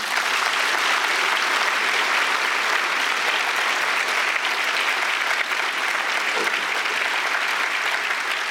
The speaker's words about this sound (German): Schön, dass das mit dem Applaus geklappt hat.